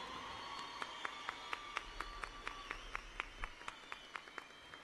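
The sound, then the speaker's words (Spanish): An audience applauds the accompanying musicians at a live concert broadcast on Radio Popular: crisp claps land in a steady, even rhythm, about four per second, over a continuous low background wash. No one speaks. “Quiero que por favor le brinden un fuerte aplauso a todos los músicos que me acompañan aquí en esta ocasión, por favor.”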